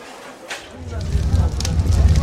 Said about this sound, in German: Sieh mal, wie das Feuer lodert. Ja, ihr Kleid hat bereits Feuer gefangen.